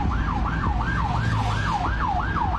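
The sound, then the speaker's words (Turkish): An ambulance siren wails in a rapid, repeating up-and-down cycle, loud, over a steady rumble of road traffic and engine noise on the Arnavutköy–Sultangazi motorway, while a car blocks its way in the left lane; no one speaks. “Arnavutköy Sultan Gazi Otoyolu'nda aracıyla sol şeridi kapatan sürücü, ambulansın siren ve anonsuna rağmen dakikalarca yolu açmadı.”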